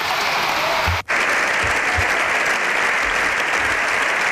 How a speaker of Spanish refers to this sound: Largo aplauso, ¿eh?